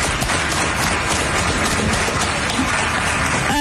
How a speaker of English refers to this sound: I love the applause. And that's from a lefty crowd for the Seattle Club. That's for a lefty crowd for them. And they're applauding this because they've had enough of this.